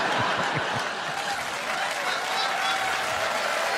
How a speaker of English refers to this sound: That's knowing the room right there. We're in Winnipeg. Yeah, oh, there you go. Yeah. Regina will really appreciate that applause break.